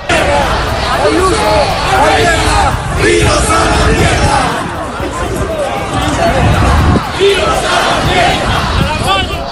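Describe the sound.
A large protest crowd on a march in Madrid shouts and chants against the regional government of the Comunidad de Madrid in a loud, continuous roar, many voices overlapping with rising cries and a steady rhythmic push of collective yelling.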